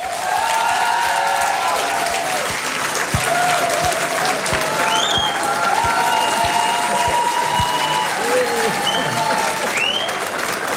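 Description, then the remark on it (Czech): An audience, including bar staff and a barmaid, applauds TV presenter Libor Bouček as a Radiožurnál guest for about eleven seconds, a dense, even wash of clapping with a few high whistles and crowd voices mixed in. “Musím říct, že mě pochopitelně potěšil ten aplaus, ale myslím, že musíme posluchačkám a posluchačům sdělit i to, že zde je obsluha a v případě mého jména dokonce i jedna barmanka zatleskala, což odkazuje, ano, děkuji mnohokrát.”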